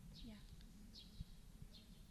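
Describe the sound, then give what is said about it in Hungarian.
Sparrows chirp three times, short high calls spaced about a second apart, over a low background rumble. “Hallott például most a verebeket?”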